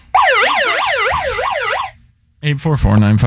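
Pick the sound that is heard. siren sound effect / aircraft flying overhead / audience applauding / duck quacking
siren sound effect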